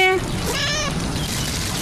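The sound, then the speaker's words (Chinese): Hungry stray cats, fed an hour later than usual, meow: a short cry, then a longer, wavering meow, over a steady background hiss. “比平时晚了一个小时开餐，流浪猫有些饿极了。”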